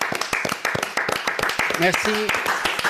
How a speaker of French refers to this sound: Si, moi, je me lève avec vous. Allez, venez l'applaudir, je vous en supplie.